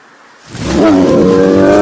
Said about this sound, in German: Ein Bär! Bleiben Sie ruhig. Bewegen Sie sich nicht. Er interessiert sich überhaupt nicht für uns.